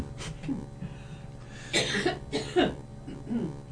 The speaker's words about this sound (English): I have to cough.